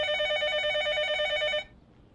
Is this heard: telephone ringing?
yes